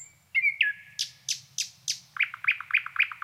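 A nightingale at Lake Krankesjön sings alone right by the microphone during a broadcast: a thin whistle, then a series of loud, buzzy downward sweeps, and finally a fast run of repeated sharp, ringing notes.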